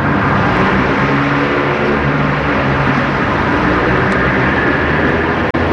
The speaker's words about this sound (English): As cathedral-like as you can possibly get for being underneath the 8-lane expressway. It's loud, constant. It isn't just something you're seeing. It's something you're feeling because of all the noise.